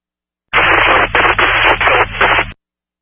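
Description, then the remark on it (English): A loud burst of crackling radio static lasts about two seconds, hissing in several choppy pulses before cutting off abruptly into silence. No voices come through. “I'm here covering static.”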